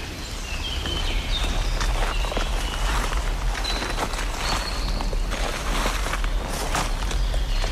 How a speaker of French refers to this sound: Nous marchons entre les feuilles mortes, les brindilles qui craquent, les fougères, les premiers massifs de fleurs.